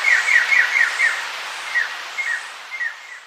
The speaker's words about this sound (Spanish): El trino del arrendajo escarlata forma parte del Banco de Sonidos de Aves Colombianas, recopilado por el Instituto von Humboldt y la Universidad de Cornell.